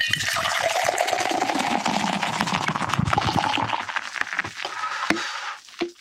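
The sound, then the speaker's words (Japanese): Sapporo Draft Beer Black Label pours steadily from a can held slightly high into a tumbler, a continuous hissing, splashing gush with foamy fizz, tapering off near the end with a couple of small clinks and drips. “はい、では今度は、タンブラーを片手に持ちまして、 はい、 缶をねちょっと高めに持ってきます。 はい、 ちょっと僕と同じように、はい、ユニゾンで流し込みますんで、いきますよ。”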